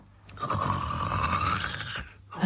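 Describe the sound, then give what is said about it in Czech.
A single long, loud snore from inside a cottage, with a rasping, sawing quality, drawn out for almost two seconds before a short pause and the start of another breath. “Řeže pilou. Řeže nám chalupu.”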